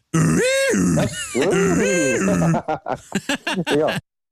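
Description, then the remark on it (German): Two loud, buzzy "aooga" honks from the horn of a 1927 Ford Model A, each swooping up and then down in pitch, followed by a string of short, choppy bursts. “Mach nochmal die Hupe.”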